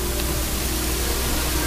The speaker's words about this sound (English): This one has so much noise. But like white noise. I mess with that. Try it. I mess with that. The white noise.